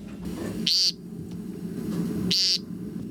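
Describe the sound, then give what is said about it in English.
An American woodcock gives two harsh, buzzy nasal peent calls, spaced about a second and a half apart, standing out clearly over a low, steady outdoor background rumble. “The American woodcock.”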